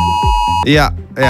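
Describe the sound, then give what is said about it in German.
A loud mobile phone emergency alert tone at 11 o'clock on Germany's national warning day: a steady electronic beep followed by bright, warbling bursts of shrill tone in two rapid pulses. “Das heißt, um 11 Uhr klingeln eure Handys und geben diesen Sound hier ab.”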